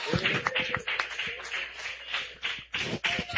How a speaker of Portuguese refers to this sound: Receba o servo de Deus com as palmas bem alegres para Jesus.